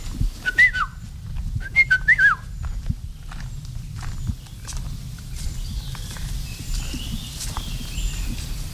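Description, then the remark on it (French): A yellow-and-black bird in the canopy sings two short, fluting whistled phrases early on, clear above steady footsteps and a low rumble, followed by fainter, thinner high calls. “Et si on pouvait le voir, bon, souvent on ne le voit pas, il est dans la canopée, c'est un oiseau jaune et noir.”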